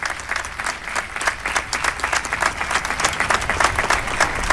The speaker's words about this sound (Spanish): Aplauso tras este anuncio del señor obispo de este tiempo jubilar con motivo del traslado de Nuestra Señora.